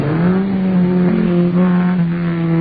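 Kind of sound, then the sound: vehicle, car engine revving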